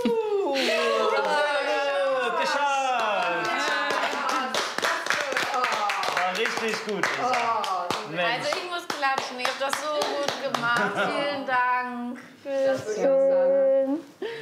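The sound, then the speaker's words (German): Sustained hand clapping in praise of the people who made a tart, many sharp claps in a quick, uneven rhythm, with several excited voices calling out and laughing over it throughout. “Oh, also ich muss klatschen, ihr habt das so gut gemacht.”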